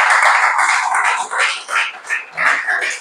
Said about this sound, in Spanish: Yo le daría un aplauso a esta palabra preciosa.